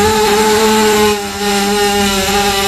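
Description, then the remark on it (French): A horse lets out a long, loud, rumbling burp, a steady buzzing drone that sounds almost like a revving engine, dipping briefly in the middle before carrying on. No one speaks. “Je vous ai fait jouer tout à l'heure avec ce son qui m'avait fait rire, le son du route de cheval.”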